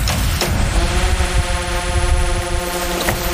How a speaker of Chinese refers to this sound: 有惊无险的排雷才结束，突然又传来了无人机的声音。